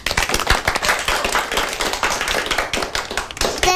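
An audience applauds to welcome a child who is about to recite a classical poem: many hands clapping at once in a dense, crackling wash that stays loud and steady for a few seconds, with no voices over it.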